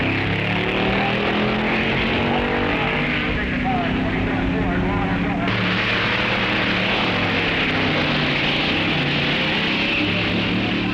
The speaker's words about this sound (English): The track is in continuous use by contestants, making test runs in time trials. All classes participate, and crews make run after run, trying to get their cars in perfect tune.